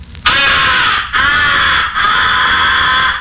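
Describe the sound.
Three long, harsh caws blown on a crow call as the comeback call used on incoming crows, loud, running nearly back to back with only brief breaks between them, with no voices present.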